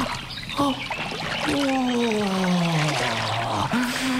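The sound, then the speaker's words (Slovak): Water trickles and splashes steadily in a brook, fairly loud, as a person rests and cools off in the water, letting out a long, falling wordless sigh partway through. “Tak, trochu si oddychnem. Ochladím si vo vode.”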